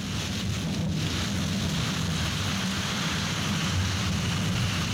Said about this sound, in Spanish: Fuerte el aguacerito hasta ahora.